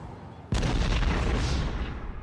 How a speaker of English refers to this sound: Oh no, oh crud. I think my car just exploded.